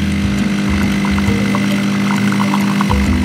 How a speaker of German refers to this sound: Erzähl, hast du das schon mal gehört? Das ist die Kaffeemaschine, glaube ich. Na, damit hast du natürlich vollkommen recht.